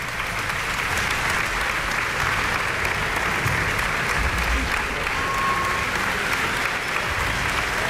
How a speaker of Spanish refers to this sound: Está en el centro del escenario repartiendo los aplausos en todas las secciones de la orquesta.